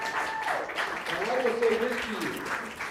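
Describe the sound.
An audience in South Los Angeles claps steadily for about three seconds for Congresswoman Crockett's visit, a dense, even wash of applause with a voice rising briefly over it partway through.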